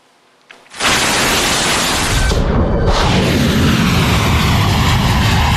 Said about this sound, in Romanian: Mai multe rapoarte arată că Rusia a trimis la Teheran avionul Apocalipsei, o aeronavă folosită pentru gestionarea crizelor majore, inclusiv cele nucleare.